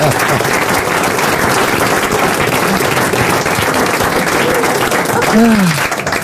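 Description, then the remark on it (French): Dense, steady applause from the studio audience of the radio show Les Grosses Têtes, for a collector of La Vache qui rit items, fills the whole stretch at high volume, with a brief voice rising through it near the end. “il a même une vache qui rit sur l'épaule et on l'applaudit.”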